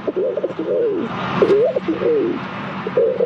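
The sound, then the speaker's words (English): A 12-year-old boy imitates a rock pigeon's cooing, producing four or five throaty, rolling coos in quick succession, fairly loud with no other voices. “showed off his bird calling skills. And I want you guys to take a listen. Let's hear it.”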